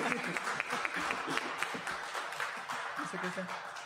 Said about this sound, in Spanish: Póngale play a los aplausos.